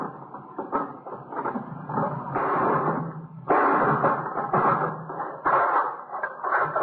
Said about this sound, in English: Give me that hammer. Yeah. You gonna break the lock? Yeah.